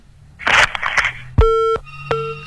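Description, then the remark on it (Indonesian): A caller's phone line on a radio call-in drops out with a crackle, followed by steady electronic tones: one long sustained tone, a brief gap, then another tone starting, clearly heard over a faint background hum. “Terputus ya, boleh selanjutnya kita sapa di jalur telepon juga.”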